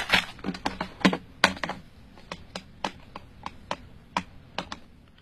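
A residential telephone number being dialed on a keypad: a quick, uneven series of about twenty sharp plastic button clicks, moderately loud, with no talking.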